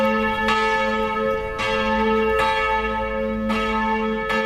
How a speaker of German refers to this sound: 650 Kilo wiegt die Vaterunser-Glocke, die beim Vesperläuten ertönt. Und draußen hört sich das dann richtig laut an.